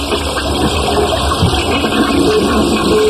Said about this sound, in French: Enfin, je tire la chasse, je ne comprends pas.